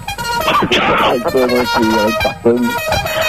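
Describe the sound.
A loud klaxon horn honks three times in short, evenly spaced, brassy blasts, with a voice-like burst just before the first honk.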